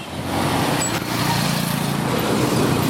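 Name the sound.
street traffic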